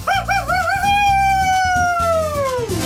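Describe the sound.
A caller to Radio 1 does a loud wolf-like howl at the moon, wavering at first and then holding a long note that slides downward, with rhythmic music playing underneath.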